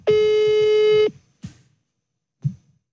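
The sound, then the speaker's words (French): A telephone call placed live to a friend: a steady, buzzy tone sounds loudly for about a second, then cuts off, followed by two soft, low clicks or thumps spaced about a second apart. No one speaks. “On va l'appeler en direct, tu vas me donner le téléphone juste après.”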